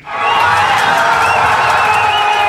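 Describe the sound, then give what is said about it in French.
A big crowd of Senegalese football fans in the fan zone on the Corniche in Dakar cheers loudly and continuously in the evening, a dense roar of many voices with higher shouts and whoops rising above it throughout. “Espoir prudent à Dakar hier soir, mais de la joie tout de même dans la fan zone de la Corniche”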